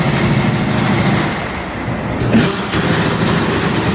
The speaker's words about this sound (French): Donc là, on est sur le démontage de roues sur un véhicule moteur, donc justement pour pouvoir effectuer les opérations sur les pneumatiques.